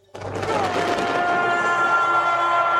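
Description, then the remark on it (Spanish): A dense barrage of fireworks crackles and pops above a roaring stadium crowd at the close of a FIFA halftime ceremony, the bursts blending into a loud, continuous wash with a thin whistling tone running through it. “Lluvia de fuegos artificiales.”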